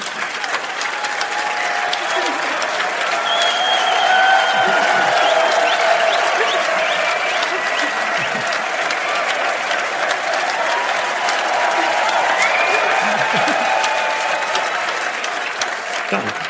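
Sustained audience applause, steady and loud for about sixteen seconds, dense clapping with faint cheers and a few whoops rising above it.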